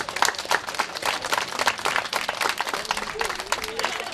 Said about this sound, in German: Neben kleinen Geschenken gab es vor allem von den Kindern viel Applaus.